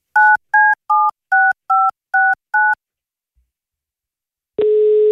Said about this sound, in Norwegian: Så lad os da hoppe over på telefonen og se, om den bliver taget.